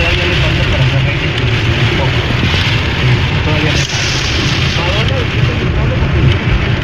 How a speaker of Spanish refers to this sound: cuidado, está lloviendo bien fuerte. Ten cuidado.